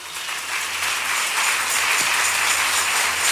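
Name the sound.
audience clapping and cheering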